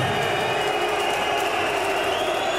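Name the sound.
crowd whistling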